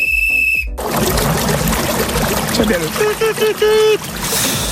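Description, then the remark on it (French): Steady, dense rushing of a river with lots of water flowing strongly, preceded by a short high-pitched tone, with some faint warbling squeaks rising over the water partway through. “Et puis la rivière, une rivière avec beaucoup d'eau qui coule.”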